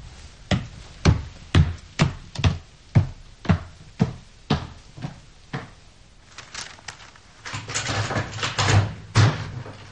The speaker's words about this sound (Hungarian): Csukja be, kérem, az ajtót.